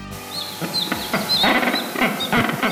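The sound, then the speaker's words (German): Rockhopper penguins call in a noisy chorus, harsh braying squawks and rattling cries overlapping continuously, fairly loud, with no talking. “So klingen sie, die Felsenpinguine.”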